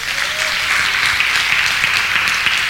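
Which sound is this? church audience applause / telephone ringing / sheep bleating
church audience applause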